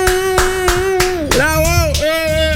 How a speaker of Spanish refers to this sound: Cuando salió el Miss conocida, sí, el primero, ¡ay! Aplaudía.